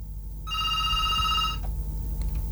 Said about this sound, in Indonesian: Oh, ada telepon masuk ya, baik ya.